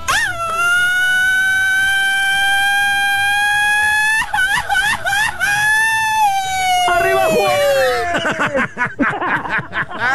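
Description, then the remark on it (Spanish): A single voice holds a loud, high, steady shout for about four seconds in a shouting rematch, then it wavers and slides downward before breaking into choppy, laugh-like bursts near the end. “Oye, dame la revancha para el grito, amigo.”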